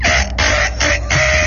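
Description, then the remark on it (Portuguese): A rooster crows loudly in one long, strained call broken into several sustained, raspy segments, with no talking over it. “Mas esse galo tá. O galo veio, hein?”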